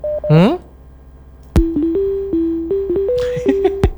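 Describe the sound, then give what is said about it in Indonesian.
A phone ringtone plays a simple electronic melody of steady, stepping notes, preceded by a quick rising chirp and punctuated by sharp clicks; fairly loud, with no talking. “Kerennya ringtone-nya.”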